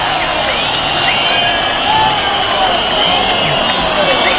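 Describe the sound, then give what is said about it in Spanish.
A bullring crowd in Marbella cheers loudly and without pause, a dense roar of many voices shouting together while shrill whistles rise and fall above it the whole time, demanding a second ear for bullfighter David de Miranda. “Pero el público ahora sí que enardecido pide la segunda.”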